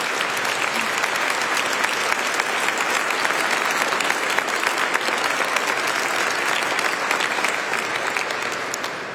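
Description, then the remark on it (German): A large audience at the Adoratio Congress applauds steadily, a dense, continuous wash of clapping that holds at a loud, even level for the whole stretch and only eases slightly at the very end. “Großen Applaus.”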